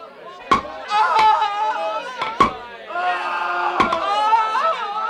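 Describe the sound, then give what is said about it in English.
Four sharp, loud hammer strikes on nails land at uneven intervals, each a hard metallic knock, while a crowd of voices shouts and murmurs steadily underneath, as Roman soldiers nail prisoners to crosses in a crucifixion. “Get the nails and the hammer.”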